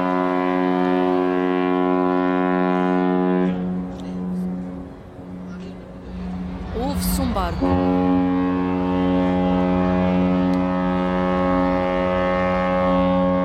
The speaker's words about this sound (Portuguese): O som do barco e também muita agitação enquanto novos postos vão sendo colocados aqui neste estádio dos Barreiros.